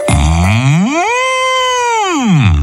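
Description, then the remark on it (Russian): A bull gives a single long, loud moo, its pitch swelling upward, holding steady, then sliding back down over about two and a half seconds, with no talking. “Идет опять зайчик, ему навстречу бык.”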